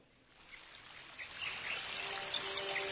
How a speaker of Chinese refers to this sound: 今日拣嚟嘅歌曲有好多雨声，有好多水声。